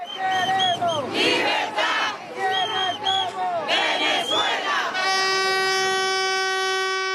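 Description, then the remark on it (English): A loud street protest crowd in Venezuela shouts and chants in surging bursts, with shrill whistles sweeping up and down over the noise, then a long, steady horn blast holds through the final seconds. “Over the past few months, there's been an explosion of protests in Venezuela.”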